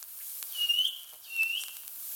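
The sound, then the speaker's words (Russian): A small grey bird, called a rain bird, gives two thin, high-pitched drawn-out peeps, spaced about a second apart, from behind a dense spruce thicket on a sultry day, fairly faint against a quiet background with no one speaking. “И слышу я, где-то за частым ельничком серенькая птичка пищит.”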